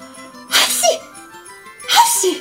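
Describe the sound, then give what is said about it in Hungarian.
Two loud, sharp sneezes about a second and a half apart, each a breathy burst trailing into a short voiced tail, made by a voice imitating sneezing. “De abban a szempillantásban eltüsszentette magát, akkor áttüsszentett, hogy a tyúkok ilyetten rebbentek meg a udvaron.”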